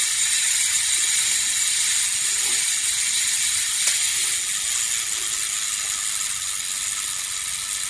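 A fully mechanical, battery-free camera self-timer, which takes the photo automatically after 10 seconds, whirs steadily as its spring unwinds. It makes a continuous high, rapid ratcheting buzz with no voices, holding an even loudness for the full eight seconds.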